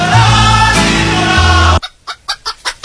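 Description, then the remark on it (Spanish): Music plays briefly, then cuts off abruptly to a played sound effect of about six chicken clucks, fairly loud in a steady rhythm. “Flavio, sí lo amonestaron a Lázaro, que dejen de llorar las gallinas, me dice el Kenchu.”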